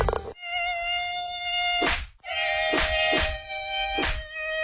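A high-pitched mosquito whine drones steadily, broken by a few sharp swatting slaps and one brief gap before the buzzing resumes.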